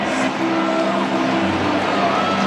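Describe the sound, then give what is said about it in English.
A stadium crowd of St. Louis Cardinals baseball fans at American Family Field cheers in a steady, dense roar that holds at an even loudness throughout, with a few faint sustained tones running underneath. “The cheer you just heard was from the Cardinals fans here at American Family Field.”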